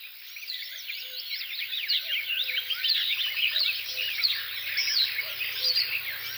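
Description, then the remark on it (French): A busy chorus of marsh warblers chatters and trills continuously, while a cuckoo repeatedly calls its soft two-note song lower beneath them, with no voices present. “Coucou et Rousserolles Verderolles.”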